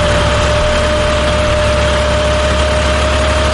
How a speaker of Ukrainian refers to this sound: Кожного ранку о 6-й годині я встаю і включаю зрошення саду та завожу свій трактор і кашу траву.